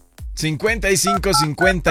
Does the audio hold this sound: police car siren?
no